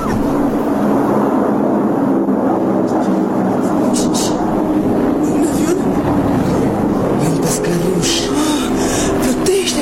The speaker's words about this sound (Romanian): E un avion. Au oprit motoarele. Vine spre noi. Ne ocolește. Nu, caută un loc de aterizare. E mare cât o balenă. Se prăbușește, nu, domnișoară.